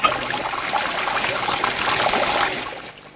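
A woman turns on a bath tap in a bathroom: water gushes steadily into the bath, a continuous splashing rush that holds for a few seconds and then cuts off as the flow stops.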